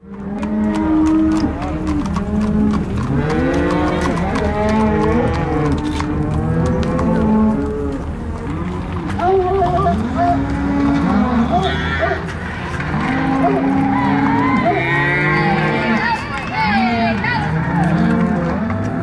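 A herd of cattle on a spring cattle drive through downtown Carbondale moos continuously, many overlapping low calls rising and falling, with faint traffic or engine noise in the background.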